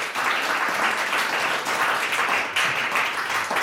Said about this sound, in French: Merci beaucoup pour les applaudissements. Merci.